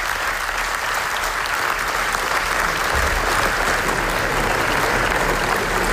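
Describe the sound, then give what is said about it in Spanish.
Loud, sustained applause from a large crowd at the Venice Film Festival for the documentary Naza about the genocide in Gaza, lasting up to 25 minutes; a dense steady wash of clapping that holds at an even level with no voices rising above it. “Y así hasta 25 minutos de aplausos en el Festival de Venecia para el documental Naza sobre el genocidio en Gaza, que ganó el premio especial del jurado en el Festival Italiano.”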